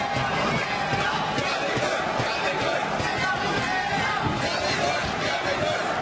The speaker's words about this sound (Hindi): और stadium Pullela Pullela jolly good के नारों से गूंजता।